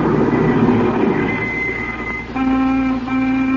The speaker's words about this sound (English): It was growing dark as you and he sat at the dinner table in silence. And then a car pulled a stop outside. Remember?